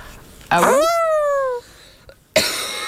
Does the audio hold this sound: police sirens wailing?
no